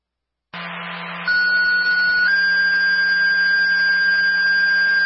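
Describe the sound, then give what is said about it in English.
Fire department radio dispatch alert tones: a steady pitched tone steps up to a second, slightly higher tone and holds loud and continuous, with a low hum and static hiss underneath, paging a fire company to a tree that took down wires at a residence. “Repeat the tone is for Clement Fire, 37 Valker Street.”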